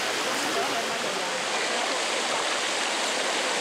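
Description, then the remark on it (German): Cold spring water flows steadily into built pools at Bagni San Filippo, an old natural spa in Italy, a continuous bright rushing and splashing hiss that holds an even, fairly loud level throughout with no pauses or changes. “Und das Wasser hier wird dann gespeist.”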